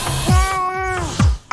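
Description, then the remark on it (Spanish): A single long, steady meow, loud, from the cat character Gato Ñao in a children's show, over a low thudding background sound effect, with no talking. “Ya, si tienen algo para comer, dice el Gato Ñao, que le traigan mañana.”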